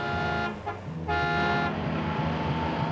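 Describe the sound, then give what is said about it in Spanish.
Cruella's car arrives, its horn blaring in long, sustained honks with a brief break, loud, over the rumble of its engine. “Llega el coche de Cruella.”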